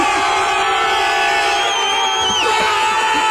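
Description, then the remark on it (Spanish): A roaring crowd erupts in a sustained, loud collective shout of "gol" celebrating a football goal, dense cheering and whoops layered over a steady wall of noise for several seconds. “Pero oigan, tres veces gritamos gol.”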